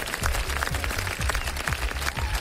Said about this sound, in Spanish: ¿Cómo la ven? Póngale unos aplausos, licenciado, ¿cómo no? Sí, se lo merece.